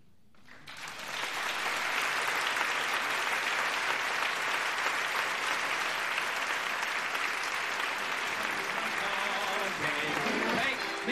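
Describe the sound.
A large crowd applauds steadily at a baseball stadium, the dense clapping swelling in over the first second or two and then holding loud and even to the end, with faint voices mixed in.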